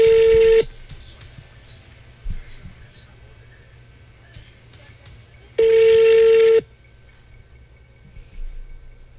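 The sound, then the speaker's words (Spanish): A dialed phone call rings out: two loud, steady electronic ring tones, each about a second long, separated by a pause of several seconds, with faint low background murmur in between. “Que ella lo está llamando a él, pero que no sabe nada.”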